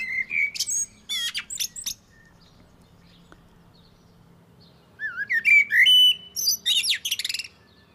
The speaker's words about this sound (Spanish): Ahí están, auténticos flautistas alados de Lisboa. El canto de los mirlos, lo estáis escuchando, es fluido, variado, con frases amplias y melódicas